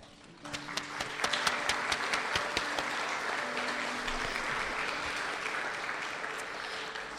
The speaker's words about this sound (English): Anzu unfortunately cannot make it, but thank you again, and another round of applause for Anzu.